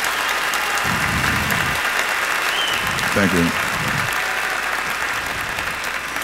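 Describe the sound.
Steady audience applause fills the room, a dense, continuous patter of many hands clapping at moderate loudness, with a brief spoken voice rising over it partway through.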